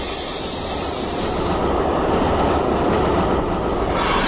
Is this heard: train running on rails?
yes